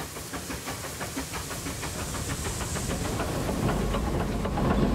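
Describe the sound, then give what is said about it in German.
Oil-fired steam locomotive Lok 16 works steadily on an 800 mm narrow-gauge Abt-system rack railway in Switzerland, pushing the carriages uphill from the valley station. Its rhythmic chuffing exhausts pulse over a constant loud hiss of steam, with low rumbling machinery growing slightly louder toward the end. No one speaks. “Lok 16 ist ein ölgefeuertes Kraftpaket auf 800 mm Schmalspurgleisen inklusive Zahnstange nach dem System Abt.”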